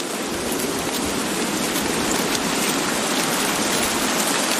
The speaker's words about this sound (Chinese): 丛林间的活动似乎暂时停了下来，倾盆大雨令这里的动物冷静下来，它们被困于暴雨之中。